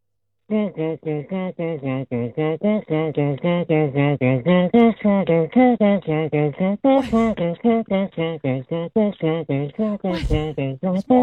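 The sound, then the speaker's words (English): A single voice hums a song in steady, clipped rhythmic pulses, fairly loud, with a couple of sharp mouth-made percussive bursts mixed in, beatboxing blended with humming. “I don't know if that's beatboxing. That sounds Yes, it is. You got humming in it.”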